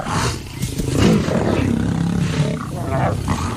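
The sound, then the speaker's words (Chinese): Three big, sturdy male lions guarding a pride of at least nine roar and growl in deep, rumbling bursts that overlap and run on for a few seconds, loud throughout with rough, guttural snarls rising and falling. “这个狮群至少有9名成员，其中有3只体型壮硕的公狮负责护卫狮群。”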